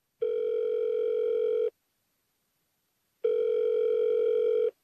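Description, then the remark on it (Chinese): A telephone ringback tone heard while placing a call to ask about a shipment of goods: two long, steady electronic buzzes separated by a pause of silence, clear and fairly loud, with no voices. “早到比晚到好，你还是打个电话问问吧。”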